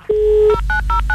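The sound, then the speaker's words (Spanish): A dial-up modem's dialing sequence, used after the Antel internet service went down: a steady dial tone hums briefly, then four quick, evenly spaced touch-tone beeps ring out clearly, with no voices. “Uy, volvimos al módem.”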